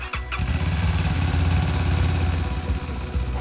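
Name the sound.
motorcycle ambulance engine running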